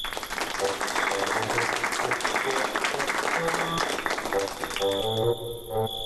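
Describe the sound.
An audience breaks into loud, sustained applause, dense clapping lasting several seconds, with a few voices faintly mixed in before it begins to thin out near the end.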